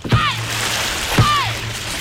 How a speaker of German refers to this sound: Dann kommen die 6. Jawohl, so klingt's auf dem Drachenboot.